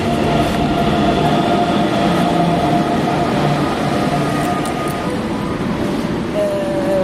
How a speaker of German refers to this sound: Jetzt kommt unsere S-Bahn, oder?